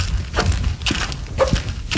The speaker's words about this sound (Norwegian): Der går vi. Husk det er halt, for det er bare ene skoen som knirker. Og i tillegg så har du valgt å ha friskpastiller som raller i en helt egen rytme i lomma samtidig.